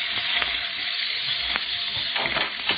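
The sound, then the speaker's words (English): A steady, crackling hiss of a lit fuse burning fast near a bastion, sizzling without pause, with small pops and sputters flaring now and then through the continuous bright fizz. “Fuse is burning fast.”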